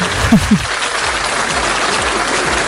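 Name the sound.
applause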